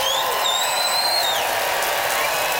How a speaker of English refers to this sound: Time to vote by applause.